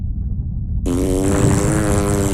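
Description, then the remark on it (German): A loud, sustained fart sound effect, a 'Pupsonautenpups' from the story character Bulle after swallowing Pupsonauten powder inside an anaconda, which bloats the snake's body. It blasts in with a buzzing, harmonic rumble after a low, quiet start, lasting well over a second with no talking. “Der Pupsonautenpups blähte den Leib der Anaconda auf und drohte sie zum Platzen zu bringen.”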